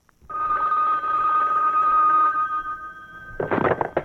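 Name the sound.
telephone ringing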